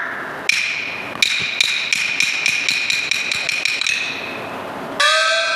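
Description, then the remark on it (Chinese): Someone knocking on a wooden door, calling for it to be opened: two separate raps, then a quick, steady run of about a dozen sharp, ringing knocks, followed by a brief different clatter at the end. “门外何人叫门？”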